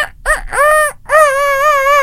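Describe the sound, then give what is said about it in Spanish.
A person loudly imitates a rooster's crow: a couple of short rising syllables followed by a long, wavering, sustained call, with no other talk. “que lo primero que salga de tu boca cuando llegues con Rodrigo Lazo sea el sonido de un gallo”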